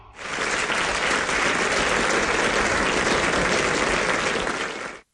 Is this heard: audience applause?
yes